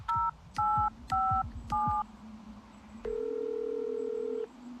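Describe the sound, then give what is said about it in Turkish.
Four short, evenly spaced two-tone keypad beeps as the emergency number 112 is dialed on a phone to call an ambulance, followed by a steady, low electronic tone held for over a second. No voices are heard. “Ambulans arayın çabuk.”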